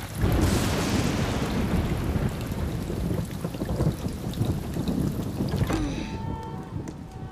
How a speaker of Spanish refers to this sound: Debería haber una ley contra la lluvia en sábado. Ay, ya parará. En algún momento.